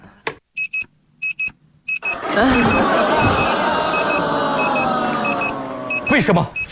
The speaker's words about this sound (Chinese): 为什么我感觉他一闭眼闹铃就响了？ 不只是你，所有人类都觉得刚一闭眼闹钟就响了呀。